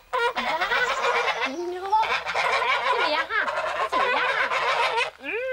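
Loud, continuous cackling and honking from a group of domestic geese, harsh overlapping calls filling the whole stretch with only brief pauses.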